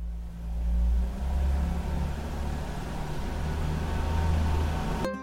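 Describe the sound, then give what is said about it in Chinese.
A car engine idles, a steady low rumble with a faint whine above it that holds evenly for several seconds before cutting off abruptly. No one speaks. The car has been started and left idling in place for 3 to 5 minutes to warm up on a cold winter day after snowfall. “冬天气温较低，我得先打着火，让车在原地工作3到5分钟，这样能让汽车内部的润滑油与机械零件还有发动机更好的磨合，才不会损伤汽车。”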